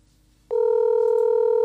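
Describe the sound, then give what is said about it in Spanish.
After a short moment of quiet, a telephone dial tone starts as a call is being placed and holds steady: a loud, unbroken, mid-pitched hum that never wavers, with no voices over it. “Le estamos llamando al perro, escucha, mira.”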